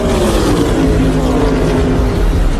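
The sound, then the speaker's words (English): NASCAR race car engines roar loudly and continuously, their pitch sliding up and down as several cars sweep past together on a 1.5-mile oval track about 50 miles southwest of downtown Chicago, during the final laps of a race. No voices. “Briscoe was followed closely by Christopher Bell in the final laps on the 1.5-mile oval”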